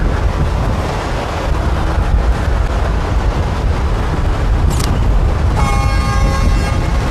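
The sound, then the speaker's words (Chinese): A train approaches from below under steady, heavy wind rumble, its sustained tonal whine or horn rising in the last second and a half while the roar continues throughout. “有火车的声音，走走走，去问一下。”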